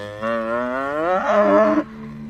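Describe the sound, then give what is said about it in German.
A single long, loud cow moo on a pasture rises in pitch and swells toward the end before cutting off, followed by a low steady background hum outdoors. “Einige Stunden nach der Rettungsaktion geht ein Dorfbewohner noch mal zur Weide, um nach der Kuh zu schauen.”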